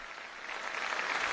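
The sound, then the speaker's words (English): A crowd in the Canary Islands, Spain, applauds the Pope's farewell address at the end of his journey, in a steady, dense wash of clapping that swells slightly louder over a brief moment, with no voices heard above it. “That elicits another round of applause.”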